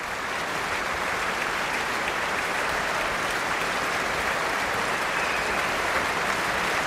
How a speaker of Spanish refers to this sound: Estamos escuchando los aplausos para Duncan Ward, que dirigía a la Phil South, la Orquesta Filarmonía del Sur de los Países Bajos, en la gran sala del Concertgebouw de Ámsterdam el pasado 1 de julio